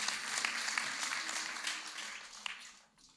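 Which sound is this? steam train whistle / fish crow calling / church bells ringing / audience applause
audience applause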